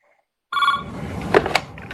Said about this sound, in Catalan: Li sona el telèfon i li estan explicant tota l'estona.